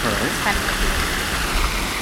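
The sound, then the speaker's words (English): Water from a man-made waterfall in Regent's Park rushes in a steady, dense roar, close and loud, holding an even level for the whole two seconds. “We're standing next to a beautiful man-made waterfall in Regent's Park.”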